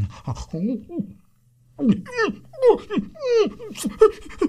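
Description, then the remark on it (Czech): A sick dog, foam dripping from its mouth after eating something found on a table, pants heavily, a quick run of short, wheezy, whining breaths, pausing briefly before another rapid, uneven burst of loud panting. “I pro pána, co se to s tebou, pejsku, děje? Vždyť ty jsi nějaký nemocný.”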